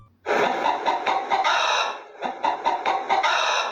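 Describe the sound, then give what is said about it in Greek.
A hen clucks in a rapid, busy series of loud, raspy notes, with a brief pause midway before the clucking picks up again. No one speaks. “Ήτανε, παιδιά, τι άλλο κάνει κοκοκό, παρά η κότα.”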